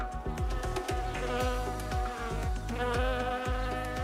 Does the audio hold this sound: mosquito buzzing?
yes